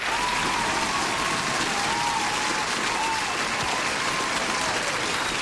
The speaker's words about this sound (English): And the fact that you were able to leave your house today to go and buy a radio, oh, baby, round of applause, please.